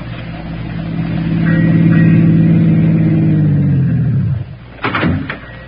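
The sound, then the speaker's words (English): A car engine revs and drones loudly, swelling then winding down as the vehicle pulls up and stops, followed by a couple of sharp door-like clunks. “Hey, why don't you drive us right into that drink and be done with it?”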